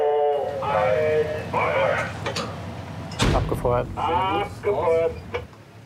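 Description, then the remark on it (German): A single sharp, booming shot from a weapon fired during a military exercise cracks out midway, loud, surrounded by crackly radio-style voices talking before and after. “Abgefeuert.”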